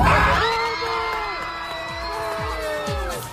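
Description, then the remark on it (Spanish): Argentine airplane passengers cheering and shouting with joy over a World Cup final, loud, with overlapping whoops and yells, sustained throughout. “Se puede escuchar en mitad de los gritos de alegría de los pasajeros la frase lapidaria del piloto: España ha ganado.”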